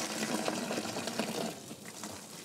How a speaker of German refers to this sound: In der Seifenfabrik kocht die Mischung aus Olivenöl, Soda, Wasser und Salz nun schon 2 Tage im 3000-Liter-Kessel.